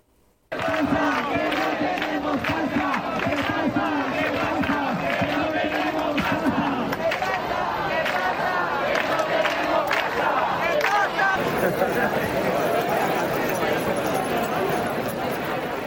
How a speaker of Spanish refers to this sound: Inevitablemente, el sonido de las llaves y de las reivindicaciones de los manifestantes ayer en las calles de Murcia en la lucha por la vivienda.